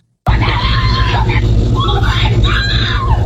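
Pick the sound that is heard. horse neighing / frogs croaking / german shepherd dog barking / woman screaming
woman screaming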